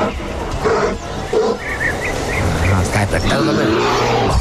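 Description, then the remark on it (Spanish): A bear roars loudly and continuously, a gritty, rumbling growl that fills the whole stretch with rough, noisy texture and a few strained higher tones. “A ver, dame el rugido del oso de Culbert.”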